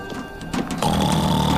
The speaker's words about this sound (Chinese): 哇哦，华丽，你打呼的声音好响啊！啊，如果你在这儿，那儿是谁？哦，熊宝宝在我的船上睡觉